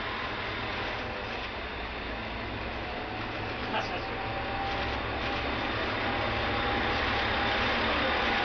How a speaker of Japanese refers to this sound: 子どもたちの元気な合図とともに記念列車が出発いたしました。